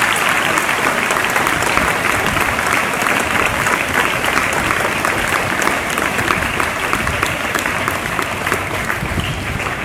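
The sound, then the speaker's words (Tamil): Sustained audience applause, a dense, steady wash of many hands clapping at an even loudness for about ten seconds, with no one speaking over it. “இவங்களுக்கு கைத்தட்டலாம் யாருக்கு தட்டப்படும்?”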